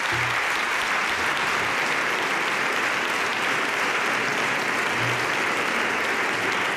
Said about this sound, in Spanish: Así que os voy a pedir un aplauso para todos los compañeros que forman parte de los jurados de los premios del ojo crítico.